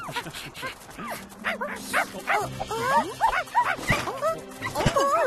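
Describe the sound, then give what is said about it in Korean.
Several excited royal puppies, thrilled at playing with a ball, bark and yip in quick, overlapping bursts throughout, high-pitched, with a few whimpering squeaks mixed in over a busy, lively background. “왕실 강아지들을 진정시키는 게 좋겠구나, 카린 공주.”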